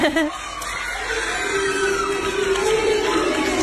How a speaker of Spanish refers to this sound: Y escuché el grito de los nenes. Felices.